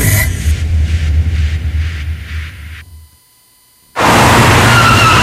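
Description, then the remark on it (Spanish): A car's tires screech and rumble for a few seconds, then a brief silence, then a loud, sudden, harsh crash bursts in, with no voices. “Nadie planea un accidente, por eso asegúrate de estar protegido.”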